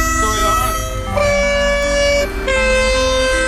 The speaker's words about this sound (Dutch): Een trein. Komt een trein voorbij. Hoor je dat? Allemaal die mooie toeters.